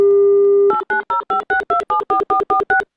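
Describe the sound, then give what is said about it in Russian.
A steady dial tone hums for a moment, then about eleven short, evenly spaced touch-tone beeps ring out as a phone number is keyed in, each beep a clear two-pitch chirp. “Давайте звонить Светлане.”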